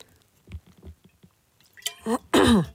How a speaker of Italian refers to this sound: Perdonatemi, ho dovuto bere un sorso d'acqua